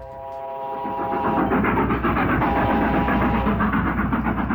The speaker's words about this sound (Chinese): 一列北上的火车在华北平原疾驶